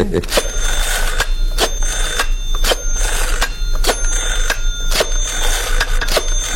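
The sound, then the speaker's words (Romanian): A telephone rings on the line as someone calls their boss, a steady tone broken by sharp, evenly spaced pulses repeating about twice a second, fairly loud, with no one speaking. “Îl sun pe șef.”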